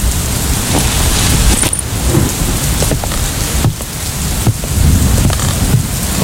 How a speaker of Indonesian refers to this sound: Hujan semakin deras.